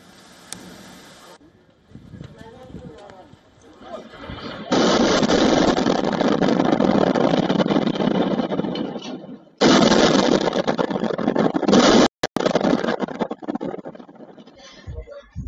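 A sudden, very loud explosive blast from a Russian strike, caught by CCTV on a street, erupts into a long roar of noise and debris, then a second heavy burst and a sharp crack before it fades to rumbling.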